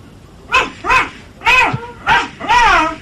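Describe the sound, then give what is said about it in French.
Two small dogs, about one and a half to two years old, bark five times outdoors in quick, uneven succession: sharp, high-pitched yaps, loud, with brief pauses between them and no talking. “Tu les fais aboyer un peu pour que j'entende comme ils sont?”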